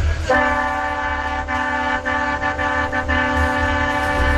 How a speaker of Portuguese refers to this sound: Ó, tá vendo que os caras aderiram ao nosso buzinaço, gente. É isso, o povo tá gostando.